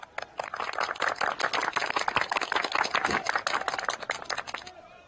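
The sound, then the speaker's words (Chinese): A burst of group applause: many hands clapping in a dense, rapid patter that starts quickly, holds steady and fairly loud for about four seconds, then stops abruptly. “好好好，今天就到这儿了，鼓掌。”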